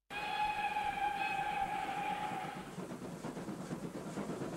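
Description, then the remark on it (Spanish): A loud, steady train whistle sounds for about two seconds over a rumbling engine, then fades, leaving a rhythmic chugging clatter as the train gets moving. “Radio Comunitaria Gato al Quinta anuncia la salida del tren de las culturas, las artes y las historias de Salamanca.”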